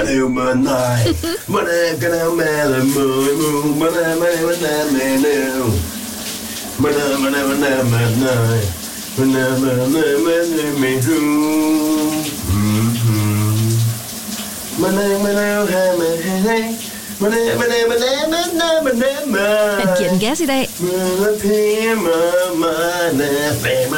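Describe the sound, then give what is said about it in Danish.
A man sings a big Danish hit song loudly and wholeheartedly in the shower over the steady hiss of running water, his voice wavering up and down in long phrases while water sprays continuously underneath; a brief spoken remark is heard. “også synge en lidt spidsfindig sang i bruseren.”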